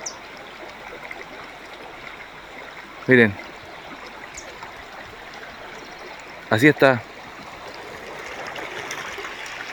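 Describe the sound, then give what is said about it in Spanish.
Steady rushing of floodwater pouring across a dirt road, the access road to Cruz de Caña, fills the scene, a continuous broad wash of flowing water, with a man briefly speaking twice over it. “Así está el camino, el acceso a Cruz de Caña. Es un mar.”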